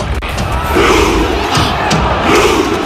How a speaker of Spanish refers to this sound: Claro, aquí los hinchas están imitando, están remando ese barco vikingo imaginario